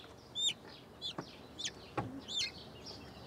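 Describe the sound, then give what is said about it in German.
Serama chickens cluck and peep in a handful of short, high, chirpy calls spread over a few seconds, with a couple of soft knocks in between and no talking, at a small zoo in Bremerhaven, Germany, while being moved to a new enclosure. “Umzugshelfer für die sensiblen Serama-Hühner.”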